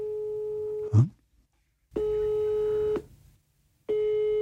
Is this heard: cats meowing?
no